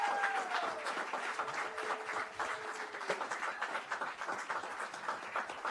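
An audience applauds a band after its performance, a dense wash of many hands clapping at an even level throughout, with a few faint whistles sliding down in pitch near the start.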